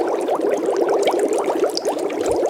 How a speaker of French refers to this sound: Alors oui, ce sont des bulles.